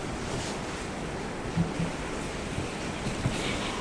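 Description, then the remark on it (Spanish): Steady rain falls outside as a continuous, even hiss with a low rumble beneath it, broken only by a couple of faint, soft thuds; nobody speaks. “Está lloviendo, por eso se oye algo de ruido aquí en esta grabación.”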